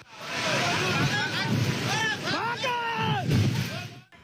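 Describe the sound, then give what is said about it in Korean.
A powerful, steady roar of a huge torrent of floodwater fills the scene as it rushes down from upstream into a canyon with staff lodgings and offices, throwing up heavy spray. People's voices shout and call out over the churning torrent as they flee. “희뿌연 먼지가 상류에서 쏟아지는가 싶더니 불과 몇 초 지나지 않아 거대한 물줄기가 물보라를 일으키며 들이닥칩니다.”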